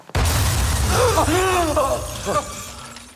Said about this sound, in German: Was war das? Eine Explosion.